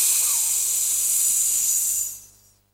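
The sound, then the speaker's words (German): A rattlesnake's rattle: a steady, dry, high-pitched buzzing hiss that holds evenly for about two seconds, then quickly fades away. No voices are heard. “Oh, eine Klapperschlange! Hilfe, eine Klapperschlange!”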